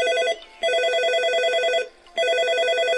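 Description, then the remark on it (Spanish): A telephone rings with a bright electronic warble, sounding in two long bursts separated by a brief pause, loud with no one talking. “Mi compadrito llama en este momento.”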